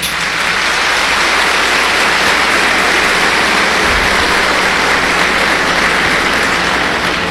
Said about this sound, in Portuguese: Uma salva de palmas.